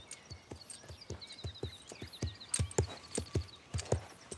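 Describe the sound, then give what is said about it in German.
Hooves of the horse Stella clip-clop in a steady walking rhythm, fairly loud, about two dozen even strikes as she is led a few steps, with faint high chirping in the background and no talking. “Ja, also der Schritt ist ja auch schon wesentlich gelöster. Wunderbar. Geh ruhig noch mal ein paar Schritte mit ihr.”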